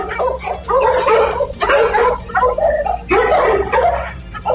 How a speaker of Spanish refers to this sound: Le están ladrando los perros empiezan a ladrarle a este sujeto. Vamos a escuchar cómo le ladra.